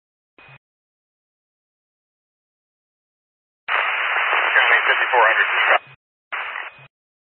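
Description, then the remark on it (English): Bursts of crackling, garbled two-way radio static on a call with unit 5400: a short click, then a long harsh hiss lasting about two seconds, followed by a shorter burst, band-limited and loud, with no clear words. “5400, you're all static.”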